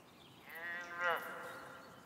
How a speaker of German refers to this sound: Sag einmal, das hört sich doch an wie eine Kuh. Die Mooskuh. Was für eine Kuh?